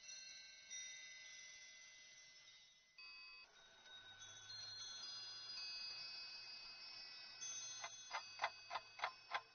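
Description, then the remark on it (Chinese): A mechanical clock, the gilt-copper writing-figure clock, the largest toy clock in the Forbidden City's Palace Museum, 231 cm tall, ticks softly amid sustained metallic ringing tones, ending in a run of six evenly spaced, crisp ticks. No one speaks. “这是故宫最大的玩具钟表，铜镀金写字人钟，高231厘米。”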